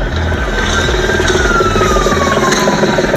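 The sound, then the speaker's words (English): A loud, chaotic street scene during a night-time riot on the Lower Newtownards Road around 7 p.m.: a heavy engine rumbles steadily while a high siren-like tone slowly glides downward, wrapped in a constant wash of crowd and traffic noise. “The Lower Newtonards Road at around 7 p.m. last night.”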